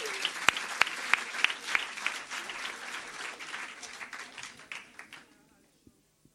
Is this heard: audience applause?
yes